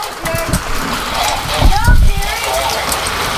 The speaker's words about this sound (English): All right, first of all, that's hail. That's hail. Go look at real quick. That's hail. That's pea-sized hail. We got pea-sized hail.